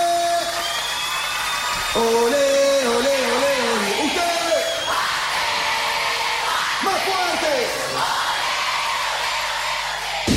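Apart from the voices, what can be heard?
audience clapping along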